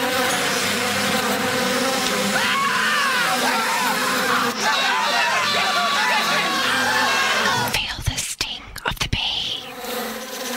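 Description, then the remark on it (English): A steady bee buzz drones on without a break for most of the stretch, with its pitch wavering slightly, before it breaks up into a few clicks and scraps of noise near the end. “Is that a bee?”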